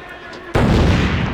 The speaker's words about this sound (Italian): Altro petardo intanto